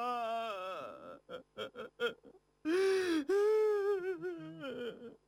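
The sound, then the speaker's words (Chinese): A man sobs loudly and openly, crying out over his dead sister, with a long wavering wail, a run of short choked gasping sobs, then two more sustained drawn-out cries. “高守平索性放开了哭声。”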